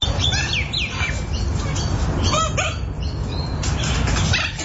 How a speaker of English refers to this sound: That's a chicken, for God's sake.